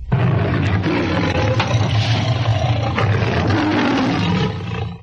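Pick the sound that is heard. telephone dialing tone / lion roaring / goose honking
lion roaring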